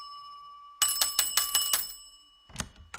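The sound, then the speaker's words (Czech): A small hand bell is shaken rapidly in a loud burst of ringing to summon someone, then rung again briefly after a short pause, with no voices. “Zvonil jsem třikrát”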